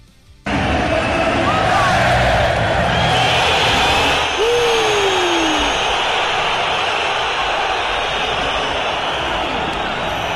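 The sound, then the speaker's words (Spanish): A huge stadium crowd whistles and jeers in disapproval at player Juliano as he comes out for the warm-up, a dense, loud, sustained wall of shrill whistling and roaring noise with a few individual whistles sliding in pitch above the din. “Y bueno, recibió lo que imaginábamos, ¿no? Una silbatina absolutamente generalizada. ¿De todo el estadio? De todo el estadio.”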